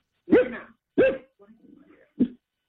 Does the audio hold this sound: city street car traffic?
no